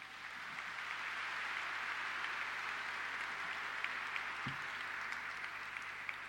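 A crowd applauds steadily, a dense, even wash of many hands clapping that holds at a constant level for several seconds, with a brief low thump partway through, in thanks to National Police officers, service workers and pilgrims.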